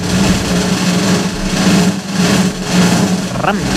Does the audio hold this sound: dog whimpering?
no